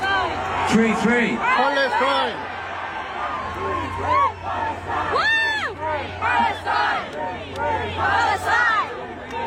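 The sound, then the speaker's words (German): A large concert crowd in South Korea chants together in loud, rhythmic unison, many voices rising and falling in repeated arched phrases over a steady low hum, with shouts breaking through. “Und zeitweise klang es im Publikum dann auch so.”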